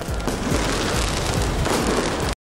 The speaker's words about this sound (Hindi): Champion league में लगातार दूसरे साल पीएसजी की जीत के बाद एफिल टॉवर पर शानदार लाइटिंग, जोरदार आतिशबाजी के बीच फैंस ने मनाया जश्न।